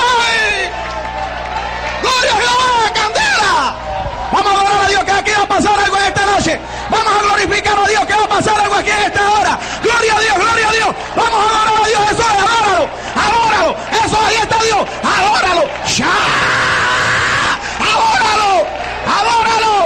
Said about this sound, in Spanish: Hasta en Los Ángeles se escuchaban los gritos de la gente que no tiene a Dios allí. ¡Qué duro se le hace al que tiene a Dios sacar un aleluya! ¡Oh, gloria a Jehová! ¡Un grito más!